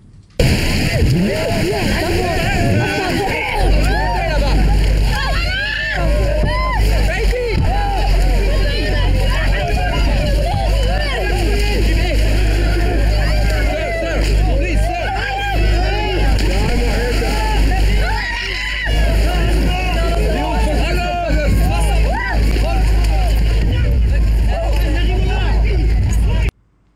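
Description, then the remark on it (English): A crowd of migrants crossing the English Channel clamors and shouts as a boat engine drones steadily underneath, with sloshing and splashing as people wade through the sea toward the boat; one man carries a small baby. “A man wades out into the water to get on the boat.”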